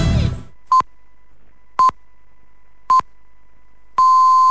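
A radio time signal on the Greek station Star FM marks two o'clock: four electronic beeps at a steady one-per-second pace, the first three short and identical, the last held noticeably longer, all at the same mid-high pitch in the classic countdown pattern.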